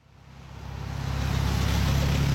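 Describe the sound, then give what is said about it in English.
A car approaches along a wet road in the rain at the Juneau Douglas Bridge intersection in Juneau on a Tuesday morning, its engine rumble and tire hiss swelling steadily louder over a couple of seconds with no one speaking. “Cars zoom past candidates and supporters as they wave signs and sip coffee in the rain at the Juneau Douglas Bridge intersection Tuesday morning.”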